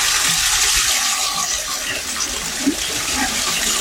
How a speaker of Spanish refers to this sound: Toda esta agua, Víctor, que se escucha es bastante. Netamente del brote que sale a flote.